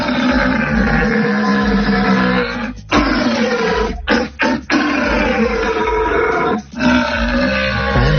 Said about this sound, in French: Le brame du cerf, si c'est du jamais vu pour vous, jamais entendu, eh bien tentez votre chance.